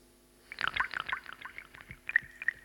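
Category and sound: nature, water dripping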